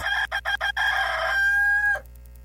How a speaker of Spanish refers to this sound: Vamos a un corte y regresamos más rápido que en lo que canta un gallo tartamudo.